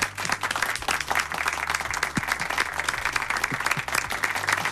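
An audience claps steadily, a dense, sustained wash of many hands applauding at an even volume throughout, with a low hum underneath and no voices on top.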